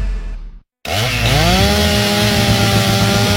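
A gas chainsaw starts after a brief pause and revs up, its loud buzzing engine pitch climbing quickly and then holding at a steady, rough high whine. No one speaks.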